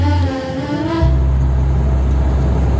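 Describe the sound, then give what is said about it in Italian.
A truck engine drones loudly, its tone shifting after a moment into a steady, deep rumble of driving along the road at 70 km/h, with no voices. “Guarda che roba, si viaggia, bestia, guarda che meraviglia. 70 all'ora.”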